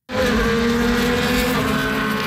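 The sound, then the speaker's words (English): Race car engines at the annual Honda Dealers Indy race in Markham roar loudly and continuously, a dense high-revving drone that holds steady for about two seconds after an abrupt start, with no voices. “The annual race car competition has moved from Toronto this year.”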